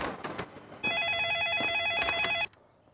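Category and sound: signal or alarm, telephone ringing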